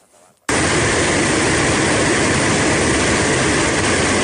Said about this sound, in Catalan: El so de l'aigua baixant amb una força enorme pel barranc del Palós de matinada.